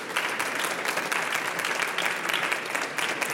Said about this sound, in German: Herzlich willkommen, einen herzlichen Hallo. Applaus.